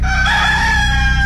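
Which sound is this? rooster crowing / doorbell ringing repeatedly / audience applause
rooster crowing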